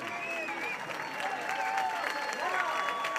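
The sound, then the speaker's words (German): A crowd applauds steadily as a song ends, a dense, even patter of many hands clapping throughout, with a few voices and faint whoops rising above it. “So, das Lied geht hier gerade zu Ende. Die Menschen klatschen.”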